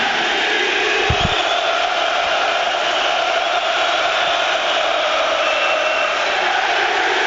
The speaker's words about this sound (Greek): Όλο το γήπεδο φωνάζει με τη Λίμπαρ.